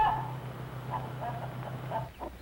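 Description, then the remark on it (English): Two-month-old, almost grown-up chickens cluck and peep softly in a series of short, uneven calls over a steady low hum, with no one talking. “2 months old chickens and almost grown up.”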